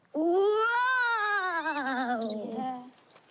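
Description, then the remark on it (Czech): A drawn-out, wavering wail like wind howling in a chimney, rising and then slowly sinking in pitch over about three seconds, loud and alone, sounding like a voice imitating the wind. “To byla meluzina.”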